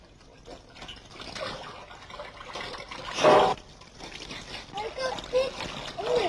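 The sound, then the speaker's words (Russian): Hands are soaped and washed, splashing and rubbing under running water, with a sharper splashing burst midway, while a child and an adult talk quietly over the steady trickle. “Тогда намыли мои ручки.”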